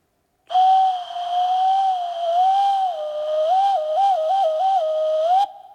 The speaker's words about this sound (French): Ben quoi? Il sait même plus faire coucou!